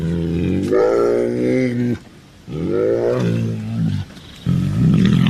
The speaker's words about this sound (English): and I admit the very sound of a roaring bear makes one shiver.